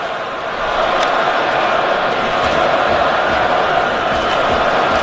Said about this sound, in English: Crowd getting involved here in Montreal.